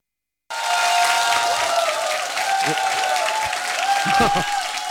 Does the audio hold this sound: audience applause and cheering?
yes